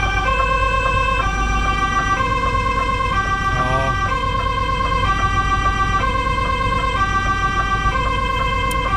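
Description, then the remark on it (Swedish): A loud two-tone siren of a new fire engine in Veddige, Sweden, driving up, alternates steadily in a regular hi-lo pattern, with a low engine rumble underneath and a brief spoken word partway through. “Jo, här hör vi lite grann av brandbilen som kör fram där”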